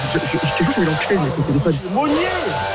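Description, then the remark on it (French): An electric power drill, used by a neighbour doing renovation work, whines steadily in the background while a person talks loudly over it, the motor's high buzz continuing throughout the short stretch. “Arrête, Monnier, la perceuse, j'entends pas!”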